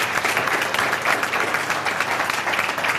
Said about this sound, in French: Ouais. On peut applaudir notre invité quand même. Bravo.